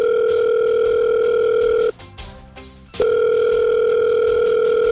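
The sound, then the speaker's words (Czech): A loud, steady electronic telephone ringing tone, a call being placed to the regional governor (hejtman), holds for about two seconds, breaks off for a second of near silence, then sounds again unchanged, with no voices present. “No tak vytočte pana hejtmana, ten bude vědět.”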